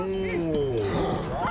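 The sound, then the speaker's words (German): A single drawn-out moo from the cow that had been on the railway tracks, loud and steady, its low droning pitch sliding gradually downward before a brief rougher bellow at the end. “Ist das etwa die Kuh von den Gleisen?”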